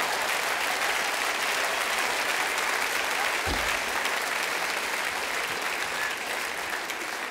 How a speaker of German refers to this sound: Ja, klatsch ruhig, da kann ich auch sein, ne?